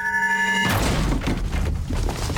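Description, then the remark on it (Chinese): A door of a dental clinic run by a foreign doctor is smashed in on a captain's order: a steady humming tone cuts off abruptly as a loud, crashing burst of banging and splintering noise erupts and continues with repeated heavy impacts. “听你的还是听我的？给我砸门！”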